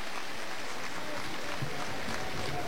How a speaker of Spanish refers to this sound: reventando con el grito, haciendo general la ovación por parte de su abandono.